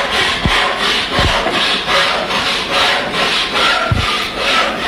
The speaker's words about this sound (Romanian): I-am văzut ieri în curte. Tăiau lemne. Tăiau lemne și împărțeau mobilă.